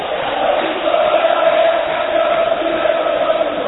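A packed crowd at the Monumental stadium roars during a football match involving Independiente, a dense, steady wash of voices, loud and unbroken for the whole stretch with faint swells of chanting inside it and no single voice standing out.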